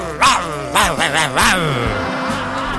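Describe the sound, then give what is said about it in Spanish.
A man's voice imitates a dog, letting out several short, loud barks and yips followed by a low, drawn-out growl, fairly loud with no other sounds around it. “Soy tan perrón que hasta ladro.”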